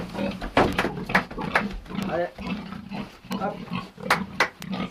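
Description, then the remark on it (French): Several pigs grunt and snort on a farm in Pozieux that also keeps cows and hens, in a rapid, irregular stream of short rough bursts, with a few sharper squeals cutting through a busy background. “élève des vaches, des poules et des porcs”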